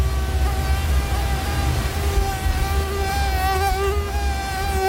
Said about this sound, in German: Die Mücken kommen.